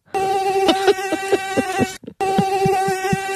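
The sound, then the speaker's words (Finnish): A voice imitates a mosquito's whine: a loud, steady nasal buzz that stutters with small pulses and cuts out briefly once before resuming, with no talking. “Tää on tämmönen pätkivä hyttynen.”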